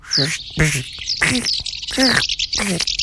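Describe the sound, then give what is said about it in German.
A person imitates a house martin's call with five quick, buzzy chirping bursts in an uneven rhythm, loud, no words spoken. “Also, schönen Gruß auf dem Weg nach Afrika geht an dieser Stelle an die Mehlschwalbe. Ich versuche das jetzt mal in ihrer Sprache.”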